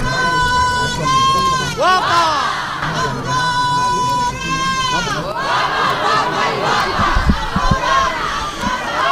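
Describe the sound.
Shouters at a Holy Thursday procession in the Albaicín quarter of Granada let out two long, piercing, sustained cries, each held for a couple of seconds, then dissolve into a loud, overlapping clamor of many yelling voices.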